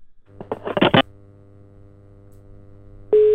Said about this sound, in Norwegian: Nå ringer vi, nå skal vi høre om å ta telefonen.